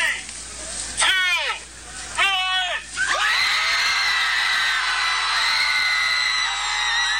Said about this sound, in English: Yeah, they yelled their lungs out for some 20 minutes.